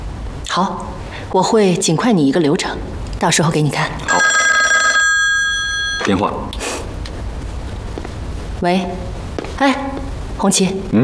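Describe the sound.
A telephone rings with a bright, steady electronic trill lasting about two seconds, clear, between stretches of people talking before and after it.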